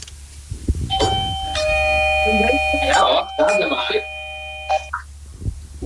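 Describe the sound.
A house doorbell at number 7, pressed by an NPO Radio 5 presenter, rings with a loud, sustained electronic chime that holds its steady tones for about four seconds, while voices murmur briefly over the middle of it.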